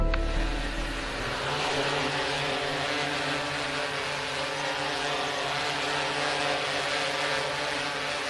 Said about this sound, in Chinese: 带着无人机来一趟。